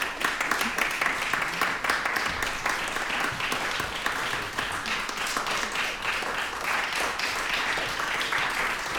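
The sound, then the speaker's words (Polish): Sustained audience applause in the Władysław Szpilman studio after a performance of a new composition, a dense, steady wash of many hands clapping at an even, loud level with no clear pauses or talking. “Wielkie brawa, bardzo dziękujemy.”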